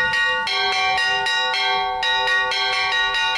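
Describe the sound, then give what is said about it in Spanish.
Church bells peal loudly and continuously, with rapid overlapping strikes in an irregular festive rhythm, rich ringing overtones sustaining between hits. No voices are heard. “Si había alguien que se estuviera quedando dormido ahora, ya está claro que imposible, están sonando las campanas.”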